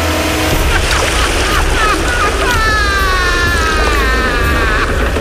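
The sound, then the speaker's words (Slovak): A steady, loud rush of flowing river water at the confluence of two rivers, where a second river enters a large one, fills the scene without a break, with faint high warbling, voice-like tones drifting over the constant roar. “Tak, tu sa stretávajú dve rieky.”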